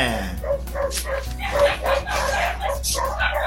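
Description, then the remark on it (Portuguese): Several dogs, Dibirto's dogs, bark in a rapid, overlapping chorus of sharp yaps and woofs, loud, continuing throughout over a steady low background hum. “Hoje tá bruto, a cachorrada aí do Dibirto, né?”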